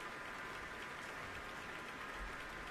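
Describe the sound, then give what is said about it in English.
Sustained applause from a concert hall audience on their feet at Powell Hall as Yefim Bronfman takes his bows, a dense, steady wash of many hands clapping at an even, fairly loud level throughout, with no voices standing out. “And the applause is continuing at Powell Hall, and I'm sure Yefim Bronfman is going to have to come out at least one more time.”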